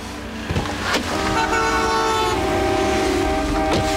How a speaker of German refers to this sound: Die hupen schon alle. Ich glaube, du musst noch ein Stückchen weiterfahren.